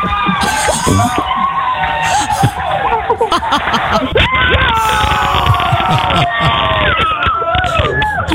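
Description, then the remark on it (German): A small group of people cheer and shout excitedly in a radio studio at the moment they learn they have reached a final, several voices overlapping loudly and continuously for several seconds, with whoops and excited chatter mixed together. “Großer Jubel bei uns in der Moin Show, denn in diesem Moment war klar, wir haben ein Finale um 10.000 Euro”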